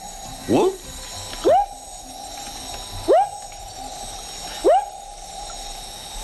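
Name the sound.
frog calling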